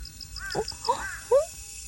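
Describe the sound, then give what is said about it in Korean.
Faint, evenly spaced high chirps of a cricket pulse steadily in the background, while a few louder, short swooping calls cut in over them; a single cricket in damp, grassy ground at dawn just before sunrise, as autumn begins. “방금 이 소리. 여러분 분명히 들으셨죠? 지금 들리지 않나요? 오, 와, 저기 제 앞에 귀뚜라미 한 마리가 갑자기 점프를 해서 저 멀리 달아나 버렸어요.”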